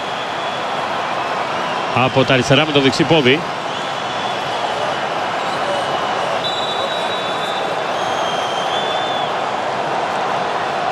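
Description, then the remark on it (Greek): A steady, dense roar from a large stadium crowd of Iranian fans rising up at an Iran–Belgium football match as Iran takes a corner fills the whole stretch, with faint horn-like tones drifting through. A commentator speaks briefly over it near the start. “Ακούτε τι γίνεται. Ξεσηκώνονται οι Ιρανοί, οι οποίοι βλέπουν την ομάδα τους ότι έχει πιθανότητες να πάρει κάτι θετικό απέναντι σε αυτό το Βέλγιο.”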